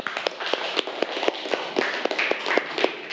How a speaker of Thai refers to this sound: โอเคนะปรบมือเพื่อนหน่อยค่ะ